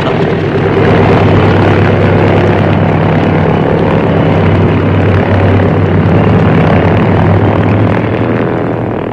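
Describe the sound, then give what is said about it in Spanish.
A small propeller plane roars loudly and steadily, its engine drone and buzzing propeller filling the whole stretch as it speeds down the runway and climbs within seconds, with no voices. “La pequeña avioneta se deslizó velozmente por la pista y en unos segundos ganó altura.”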